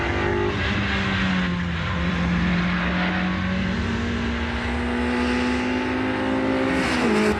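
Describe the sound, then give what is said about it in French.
A Super 7 sports car engine roars steadily as it races on a circuit, its pitch holding high and even before dipping and rising again near the end. No one speaks. “Ah, écoute, c'est vrai que les premières sensations, voiture super 7.”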